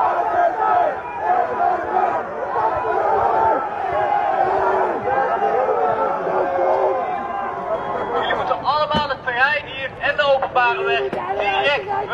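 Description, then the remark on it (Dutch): Hundreds of demonstrators riot with fireworks and torches at an emergency shelter for asylum seekers in Loosdrecht, shouting and yelling in a continuous loud roar, with sharper bursts of cries and whistles rising toward the end. “Honderden mensen demonstreerden met vuurwerk en fakkels en daarbij brak brand uit naast de opvang.”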